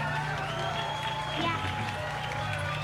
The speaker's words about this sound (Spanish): Quiero pedir un fuerte aplauso de verdad para las nuevas generaciones que están dominando aquí la escena hidrocálida. Ellos son el futuro de Aguascalientes en el rock.